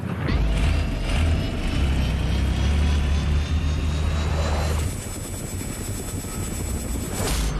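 A helicopter flies steadily, its heavy low rotor thump and engine drone continuous throughout, with a high whining tone above and a slight shift in the engine sound partway through.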